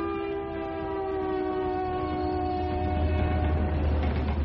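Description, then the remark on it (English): A train horn sounds a long, steady harmonic blast while heavy rumbling rolls underneath, growing slightly louder as the train passes on the tracks. No voices are heard. “It all started with a train.”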